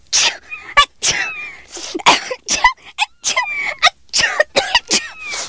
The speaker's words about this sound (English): Wrong? I'm just sneezing. It probably means you have an allergy. Allergy? It means that there are things on the kitty fur that make you sneeze. Some people are allergic to cats,